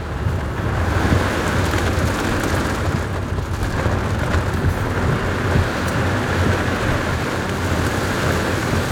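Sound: thunderstorm with heavy rain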